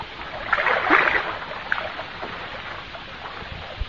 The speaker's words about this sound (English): Or, on the other hand, many people nowadays find considerable enjoyment in taking out one of those little pedal boats for the afternoon.